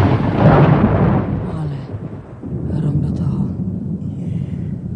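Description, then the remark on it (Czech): Deep, rolling thunder from a storm outside with lightning, as it is nearly dark, rumbles loudly, surging at the start, easing briefly, then grumbling on steadily for several more seconds. “No, není hromáš strejda. Ne, švager. A jak se přižene od baby, tak řádí.”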